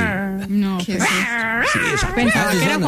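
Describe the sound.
A person imitates a cat with a loud, unbroken run of whiny, meow-like vocal sounds whose pitch keeps swooping up and down for about three seconds.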